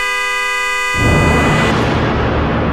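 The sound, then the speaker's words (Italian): A car horn, pressed by a head resting on it, blares in one long, steady, loud blast. About a second in, a harsh, rushing burst of noise crashes in over it and continues while the horn keeps sounding underneath. “Oh, scusi, sposto la testa che fa rumore con lo clacson, che c'è la gente che dorme.”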